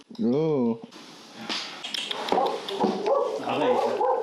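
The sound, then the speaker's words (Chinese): A dog outside a door on a ranch gives a short, loud, wavering whimper of protest at the start, then a voice talks steadily over faint background noise for the rest. “仿佛感觉到了鹏鹏在家里吃独食，他的亲人们在门外发出了抗议。”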